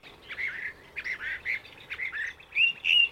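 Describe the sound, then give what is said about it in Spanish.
A bird recorded in Texas, from xeno-canto, calls repeatedly in quick, slightly harsh bursts, about ten short notes in loose rhythm, clear over a faint background hiss, with the last few calls louder and sharper. “Audios de Paul Marvin y Andrew Spencer en Texas, tomados de xenocanto.org.”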